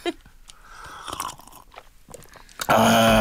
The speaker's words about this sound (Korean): 마카로니 과자는 이런 소리 나는 거. 예. 맛있겠다. 아주 만만한 과자죠.